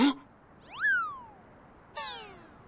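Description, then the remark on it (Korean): A plump cat that looks like a stray meows twice: a drawn-out meow that rises then slides down, and after a pause a second, brighter meow starting sharply and falling away. A brief noisy burst precedes them. “그냥 살찐 길냥이 같던데.”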